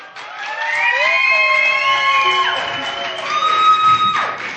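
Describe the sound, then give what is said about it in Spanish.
A crowd cheers loudly and steadily, with high whoops and sliding whistles rising and falling above a rough roar of voices and possible clapping, as an audience welcomes composer a musician onto the stage to celebrate the project. “y que también para celebrarlas con la autora, creadora y primera huella sonora debemos de aplaudir y recibir en este escenario a ….”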